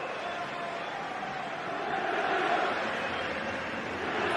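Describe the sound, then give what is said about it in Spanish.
A stadium crowd applauds Fabián Ruiz as he is substituted off, in a steady, dense wash of clapping and murmur that swells slightly midway and holds at a constant level to the end, with no clear voices standing out. “Le aplaude la gente a Fabián Ruiz.”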